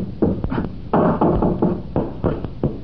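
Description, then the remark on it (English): Heavy blows hammer repeatedly against a wooden door near the ground, about nine loud hollow thuds in a fast, uneven rhythm, each ringing briefly before the next, with no voices. “That door, Scubby, it's wood.”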